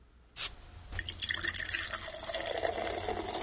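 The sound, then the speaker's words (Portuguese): A sharp clink, then a steady splashing stream of liquid poured into a jug. It continues for a few seconds at moderate volume, with no voices. “Um guaranazinho também, uma água de balde, na jarra, né?”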